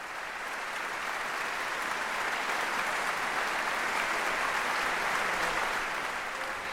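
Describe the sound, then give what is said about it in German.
Sustained applause from a large audience filling a concert hall after a violin concerto, as the violin soloist and the conductor stand together before them; a dense, steady wash of many hands clapping at once, loud and even throughout with no voices standing out. “Eine herzliche Umarmung hat es nach dem letzten Ton gegeben und nun stehen die beiden gemeinsam vor dem Publikum im Saal.”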